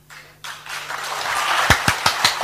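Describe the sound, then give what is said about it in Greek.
Applause: a steady wash of clapping that builds, ending in about six sharp, evenly spaced loud claps in a quick rhythm. No one speaks. “Χειροκροτάω κι εγώ, χειροκροτάω, μπράβο.”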